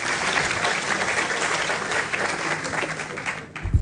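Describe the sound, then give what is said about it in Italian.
Steady applause from a large crowd for the Minister of Agriculture and Food Sovereignty, Francesco Lollobrigida: dense overlapping clapping that holds at an even level for several seconds before starting to thin out, with a low thump near the end. “Vi chiedo il terzo applauso per il Ministro dell'Agricoltura e della Sovranità Alimentare, Francesco Lollobrigida.”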